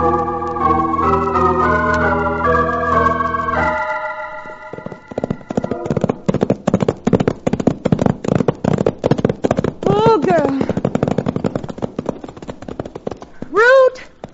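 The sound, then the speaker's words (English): Horses' hooves clip-clop in a steady rhythm of dense percussive beats, starting after a sustained musical chord and joined by a couple of rising whinny-like calls near the end. “Put the horses away.”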